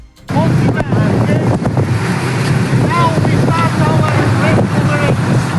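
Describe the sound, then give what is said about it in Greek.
A Greek coast guard boat's motor drones steadily on open water near Gavdos as it carries picked-up migrants to a temporary shelter, with wind buffeting the microphone and sea noise all around; faint voices seem to come and go beneath the engine. “Το σκάφος του λιμενικού τους παραλαμβάνει και τους μεταφέρει με ασφάλεια σε προσωρινή δομή φιλοξενίας.”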